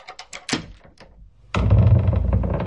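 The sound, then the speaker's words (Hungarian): A lock rattles through a quick series of metallic clicks, then a heavy iron-bound oak door swings open with a loud, drawn-out, low groaning creak. “Csikordult a zár, kitárult a vasalt tölgyfa ajtó.”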